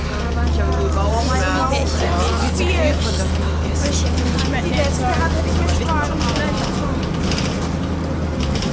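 A bus carrying schoolchildren drones steadily with a low, constant engine rumble, while indistinct voices chatter throughout. The sound stays at an even level without dying away.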